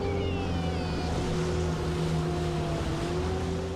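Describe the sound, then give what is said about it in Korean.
A rescue motorboat engine drones steadily, its low hum and whining pitch holding throughout with water rushing beneath, loud and continuous with no voices, during a weekly rescue patrol around the outside of a swimming area. “조지의 명령이 떨어지기 무섭게 보트에 올라타는 켈비.”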